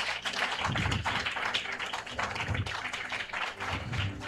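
An audience applauds in a steady, dense patter of many hands clapping, fairly loud and sustained for several seconds with no one speaking over it.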